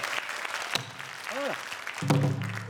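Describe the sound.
An audience applauds with steady, dense clapping throughout, while a few brief vocal cries and a sustained voiced tone rise over the clapping near the end.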